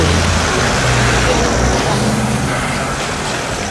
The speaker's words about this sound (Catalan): Així en marxava, en un cotxe, sense parar-se davant la premsa, Gianni Infantino.